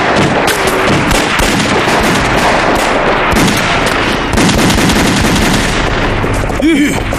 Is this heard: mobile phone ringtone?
no